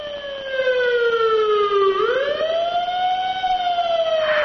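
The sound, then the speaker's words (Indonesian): A loud siren wails steadily, its pitch sliding down and then climbing back up as a vehicle passes by, with no voices. “Kalian pasti pernah lagi berada di pinggir jalan, terus dengar suara sirene atau musik dari sound system mobil yang lewat.”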